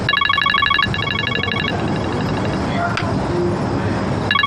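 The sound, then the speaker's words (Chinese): A phone rings with a bright, warbling electronic tone: two quick bursts back to back, a pause, then the ring starts again, all over a steady low background rumble. “我接个电话。”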